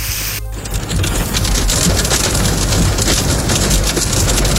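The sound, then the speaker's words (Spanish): Heavy rain and hail pour down on a Tuesday afternoon in the city of Jaén, Spain, more water in 20 minutes than in all of May, in a loud, dense, continuous roar of countless impacts, steady from start to finish, with no voices. “Así llovía y granizaba este martes por la tarde en la capital.”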